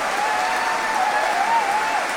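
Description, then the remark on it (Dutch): Dense, steady concert applause from a large audience for pianist Nicola Meeuwsen after Piano Concerto No. 2, with a faint sustained shout of "bravo" rising above the clapping partway through. “Bravo, geroep.”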